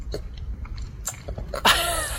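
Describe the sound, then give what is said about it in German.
Wet smacking and chewing as a one-year-old animal in Dresden eats frozen fruit ice, with irregular lip-smacks and crunches building to a louder, squeaky slurp near the end. No one speaks. “Hör mal, das Schmatzen.”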